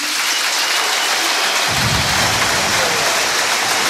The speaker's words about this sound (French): Les applaudissements de Francis Leblé et beaucoup d'émotions, hein